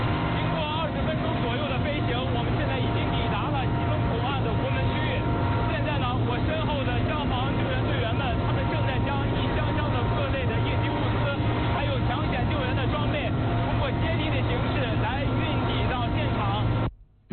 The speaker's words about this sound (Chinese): 刚才记者在直升机上做的连线，您可能因为噪音的关系听得不是很清楚。